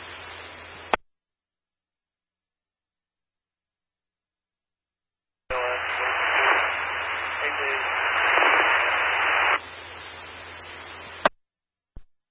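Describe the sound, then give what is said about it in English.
A brief radio burst, then silence, then several seconds of loud, hissing static with a faint, barely distinguishable voice buried underneath, a radio transmission too weak to copy, ending with a couple of sharp clicks. “I can't copy your traffic. You're too weak and too much static.”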